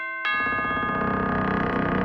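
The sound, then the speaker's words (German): A loud electronic ding-dong chime rings out after a brief silence, its bright tones sustaining and layered with a rhythmic pulsing shimmer that continues to the end. “Sie hörten die Glocken der Homebase.”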